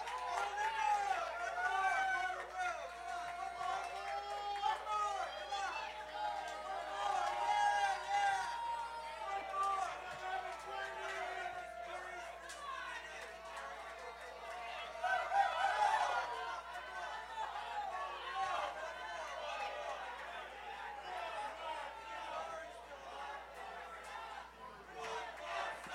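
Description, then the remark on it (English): A large crowd yells and shouts at the performers continuously, many voices overlapping into a loud, steady roar with a brief swell in intensity midway through. “They keep yelling at us,”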